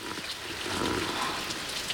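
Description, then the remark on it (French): Steady rain drums on a plastic basin in a garden, beside a leaking garage gutter, a dense, continuous patter of drops with occasional sharper taps, even in loudness throughout. “Et c'est toi, la pluie, qui tambourine sur une cuvette en plastique.”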